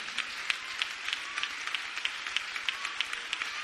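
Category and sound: crowd, audience applause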